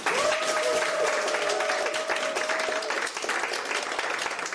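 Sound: studio audience applause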